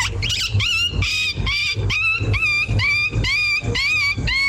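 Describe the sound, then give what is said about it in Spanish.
A person on Tropicana performs a whining-puppy imitation as their hidden talent, a rapid series of high, wavering yelps and whimpers, about eight or nine in quick succession, loud with a low hum underneath. “Mi talento oculto es el perrito chillón.”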